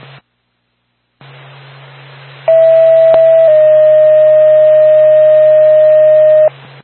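A burst of radio static with a low hum, then a loud, steady alert tone that steps to a slightly different pitch and holds for several seconds before cutting off abruptly, a dispatch page for the Lancaster ambulance.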